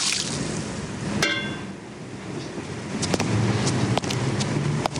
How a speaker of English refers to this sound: Outside at night, Seymour empties water from tin flower containers.